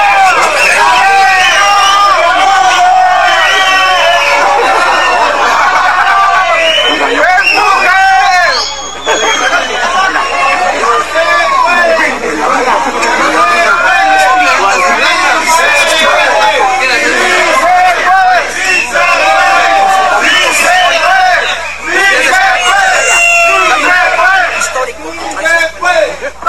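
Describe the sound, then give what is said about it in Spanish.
A large crowd of pilgrims climbing a hillside shouts cries of faith together, many voices overlapping in a loud, continuous din that barely lets up, with a brief dip partway through before the clamor resumes. “a lo largo de toda la subida resuenan gritos de fe que se escuchan de un extremo a otro de la ladera.”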